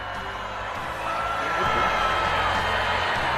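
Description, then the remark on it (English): A large crowd of students at their graduation boos Google's former chief executive for talking about AI, loudly and continuously, a dense wash of jeering voices that swells after the first second and holds steady, with scattered shouts mixed in. “Students booing Google's former chief executive for talking about AI at their graduation.”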